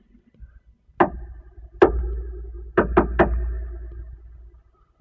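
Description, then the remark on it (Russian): Sharp knocks on a wooden door in the dark: two single raps spaced apart, then a quick run of three, with a dull resonant thud behind each and no voices. “Так, двери. Видать, сюды.”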